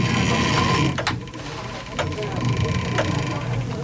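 The clockwork of the chapel in Arnsbeck, full of gear wheels with a small motor, being wound with a crank: a steady, dense mechanical whirring and grinding, broken by sharp ratchet-like clicks roughly once every second.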